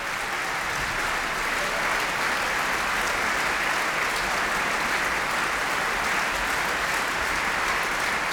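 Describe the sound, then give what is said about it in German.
Dense, sustained applause from a large opera audience at the Salzburg Festival premiere of Richard Strauss's Ariadne auf Naxos in Austria, greeting the stage production team. The steady, continuous wash of clapping hands lasts the whole stretch, with no voices standing out above it. “Ja, seine Deutung findet zwar durchaus auch Zustimmung und Applaus, aber auch recht vehemente Ablehnung.”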